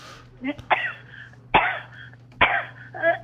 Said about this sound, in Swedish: Jävla hosta. Ja, skit.